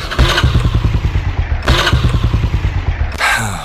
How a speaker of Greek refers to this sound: Σου θυμίζει κάτι αυτός ο ήχος? Μήπως το παλιό σου δίκυκλο έχει κάνει τον κύκλο του?